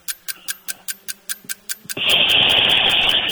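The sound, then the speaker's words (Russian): A voice imitates a boiling kettle as part of a timed sound-imitation game: about two seconds of quick, evenly spaced clicks, then a sudden loud, steady breathy hiss that holds to the end. “Кипящий чайник.”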